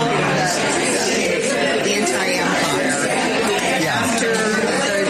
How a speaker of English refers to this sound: There's so much crowd noise, it's hard to pick it out.